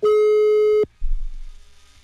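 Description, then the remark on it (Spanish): A steady, loud telephone dial tone holds one mid pitch for just under a second as a call is placed for a radio birthday wake-up call, then cuts off abruptly, leaving a low, muffled rumble of line noise. “Marcamos ahora.”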